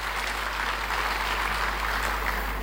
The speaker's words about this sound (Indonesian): Tepuk tangan bagi Allah kita.